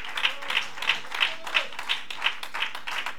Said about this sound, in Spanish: ¡A su nombre! ¡Aplauso al Señor, que Dios es bueno!